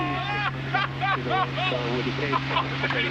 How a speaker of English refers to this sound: Yeah, and that's the takeoff. It launches like a rocket!